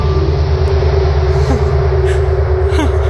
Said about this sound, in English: Space is mostly a vacuum, which makes it quiet. Okay. Regions with dense hot gas can carry pressure waves. By translating these pressure waves into audible frequencies, NASA revealed what space can sound like. Yeah. Have a listen.